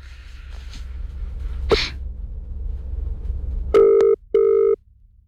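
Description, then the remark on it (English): An outgoing phone call, made live on air by radio station 2GB to a Black Dog Institute fundraiser, rings: two short, steady, buzzy ringback pulses near the end, loud against a low background rumble, after one sharp breathy burst earlier on. “Now, we usually wouldn't do this live on air, but let's see if we can ring him on air and see how he's travelling.”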